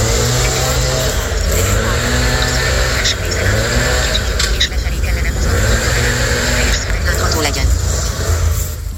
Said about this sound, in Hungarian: Na ezzel a fűrésszel kinyírják ezt a dolgot.